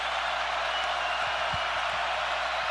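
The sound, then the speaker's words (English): A large Auburn football crowd at a stadium in Atlanta, on a third down during a game against Baylor, roars and cheers in a steady, dense wash of noise that holds at a constant level throughout, with a few faint low thumps underneath. “and listen to this big Auburn crowd here in Atlanta.”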